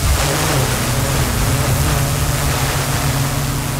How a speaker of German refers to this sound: Ja, so klingt nämlich eine spezielle Drohne, die die Einsatzkräfte da gerade testen. Was daran so besonders ist, es ist eine autonome Drohne.